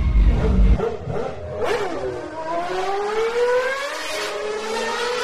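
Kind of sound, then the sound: vehicle, car engine revving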